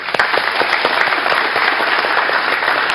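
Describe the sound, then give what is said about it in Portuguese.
A crowd of people at an event applauds steadily to welcome attending guests, a dense patter of many hands clapping for the full three seconds, with no voices rising above it. “Salva de palmas.”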